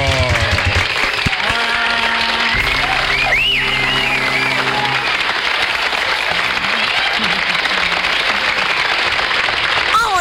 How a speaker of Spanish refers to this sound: Muy bien. Un aplauso. ¡Fuerte el aplauso!